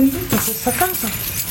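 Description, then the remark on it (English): An estate agent's keys jangle and clink in bright metallic bursts throughout, steady, with a faint murmur of voices underneath, in the small Sicilian town of Mussomeli, Italy. “What you can hear are estate agent Natalie Milazzo's keys.”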